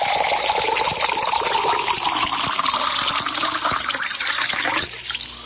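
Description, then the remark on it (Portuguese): Drinking water pours steadily into a glass for a second glassful, a continuous splashing gurgle that holds for several seconds before easing off near the end, with no voices. “Vamos mais um copo porque um só não dá, né?”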